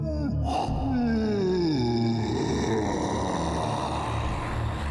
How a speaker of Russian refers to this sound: Потом сам завалился на груду звериных шкур и сладко зевнул.